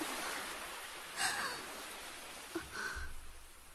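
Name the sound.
sea waves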